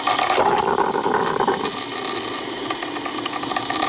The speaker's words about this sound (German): Oh, der Sound der Kaffeemaschine. Also bei mir ist es wirklich so, das löst sofort absolute Glücksgefühle aus. Vor allem eben, wenn das so blubbert und man weiß, ja, gleich ist er fertig, der Kaffee.